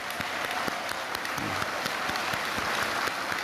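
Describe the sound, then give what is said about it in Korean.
A crowd claps steadily, a dense, continuous patter of many hands at an even loudness throughout, with no voices over it, applauding in support of President Lee Jae-myung, cabinet members, lawmakers and the country's politicians. “그래서 우리 이재명 대통령님을 비롯해서 국무위원, 국회의원, 우리나라를 정치하는 여러분들을 위해서 큰 박수로 한번.”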